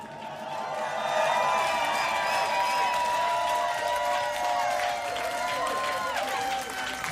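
A large crowd cheers and applauds in a sustained roar after being urged to make some noise for themselves, with scattered whoops and shouts rising above steady clapping for several seconds.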